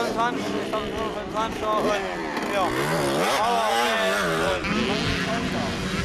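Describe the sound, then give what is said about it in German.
An enduro motorcycle engine revs steadily at an enduro race, its pitch rising and falling in sweeps, with people talking over the constant engine noise. “Ich hab's Motorrad noch nicht lange und...”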